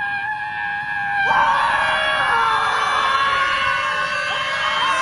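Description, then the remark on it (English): A crowd of protesters at a scream protest stand around screaming together in a sustained, loud, overlapping wail that swells after a brief quieter start and holds steady, with many voices blending into one continuous roar. “It was a scream protest. They just stood around and screamed.”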